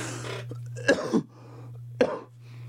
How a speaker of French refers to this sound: Pardon, j'ai toussé en ondes